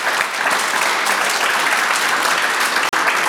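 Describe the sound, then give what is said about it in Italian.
A crowd claps steadily and loudly for a few seconds, a dense wash of many hands with a brief cut near the end, no voices standing out, applauding a child's first sight of snow. “Allora ci vuole un applauso per questa neve.”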